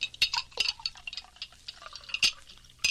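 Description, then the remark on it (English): Quiet sounds of water being poured into a glass for a father at the supper table, with bright clinks and uneven trickling splashes over a few seconds and no talking. “Pour your father a glass of water”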